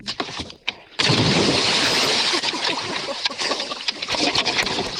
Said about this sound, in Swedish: Så ska det tammetusan låta när man badar i direktsen. Ja, var det där bästa plasket? Ja, men det var den bästa bomben.